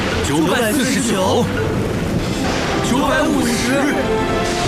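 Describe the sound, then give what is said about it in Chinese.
Continuous rolling thunder from Catatumbo lightning, heard from a safe distance as strikes are counted past 940, rumbles loudly beneath voices, with a dense, steady crackling roar that never lets up across the whole stretch, like a storm of lightning strikes. “现在我们可以欣赏闪电秀了， 当然是在安全距离之外了。 这景象真的是太壮观了！”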